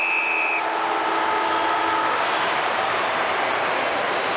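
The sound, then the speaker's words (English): A loud, sustained halftime siren at a Hawthorn football match blares over a constant crowd roar, its steady tone holding for about two seconds before fading into the noise of the stadium. “Literally on the siren.”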